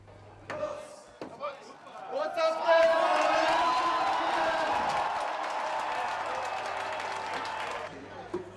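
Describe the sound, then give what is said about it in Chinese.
A few sharp knocks ring out, then a large crowd erupts into loud, sustained cheering and shouting that holds steady for several seconds before cutting off, at the opening of the 191st Munich Oktoberfest, where the Mayor of Munich taps the first barrel of beer. “慕尼黑市长在众声的欢呼声中凿开了第一桶啤酒。”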